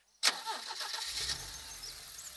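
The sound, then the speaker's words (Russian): A car engine cranks and catches after a moment of silence, a sharp burst settling into a steady low rumble as the engine runs on and the car sets off on a detour around the Staritsa, fairly loud, with no voices. “Анна Егоровна тронула машину в объезд Старицы.”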